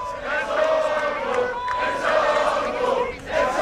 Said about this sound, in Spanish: Vamos a ver. Gritos de Ensongo.